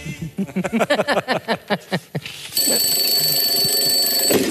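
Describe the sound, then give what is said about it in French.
An alarm clock goes off at 4 o'clock at night: a quick run of bright, pitched chirping tones, then a loud, steady electronic ringing that continues without pause until the end. No one speaks. “J'ai oublié de couper le réveil parce que Jade a eu un peu de température cette nuit”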